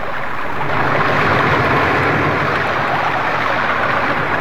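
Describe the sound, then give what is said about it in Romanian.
A loud, steady roar of rushing river water fills the scene, a dense, unbroken torrent that stays constant throughout, with no voices over it. “Prin tine vin, dar mă împiedică și voiul apei.”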